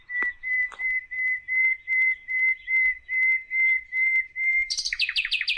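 A nightingale sings a steady series of about a dozen repeated whistled notes, evenly spaced and fairly loud, then breaks into a rapid, higher, descending trill at the end.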